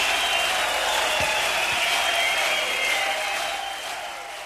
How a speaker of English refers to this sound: Well, I have to admit that was worth a lot of cheering, wasn't it?